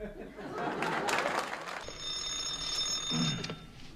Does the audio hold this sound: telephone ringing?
yes